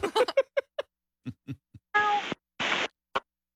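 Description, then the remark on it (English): A person mimics a sad cat meow in a series of short, whiny vocal bursts, followed by two breathy hissing sounds and a final brief squeak, fairly quiet. “The sad meow. Meow.”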